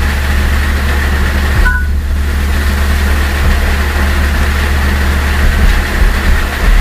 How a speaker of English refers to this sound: Yeah, that little chirp you just heard, that's the iPhone in iOS 10. Instead of saying screen locked, that's what they have it do now. That is the funniest noise. Or one of them.